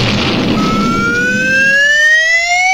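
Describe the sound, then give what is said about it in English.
A fire engine siren of the Frostbite Falls Volunteer Fire Department winds up, its wail climbing steadily in pitch and growing loud, with a low engine rumble underneath at first. No one speaks. “Hey, that one belongs to the Frostbite Falls Volunteer Fire Department.”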